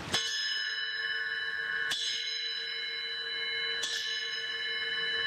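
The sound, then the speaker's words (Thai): A mindfulness bell is struck three times at slow, even intervals, each clear metallic ring sustaining and overlapping the next with a long shimmering decay. No one speaks. “ลืมตีระฆังคุณแม็กพยาบาลการเงินนะครับบอกว่าให้ตีระฆังด้วยเนาะ”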